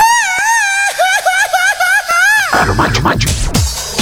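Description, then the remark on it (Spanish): A loud, high-pitched Mexican grito, shouted the way it is done in Comitán, rings out as a warbling, trilling yell of a couple of seconds, quickly followed by rougher, noisier vocal sounds. “¿Cómo se grita por allá en Comitán?”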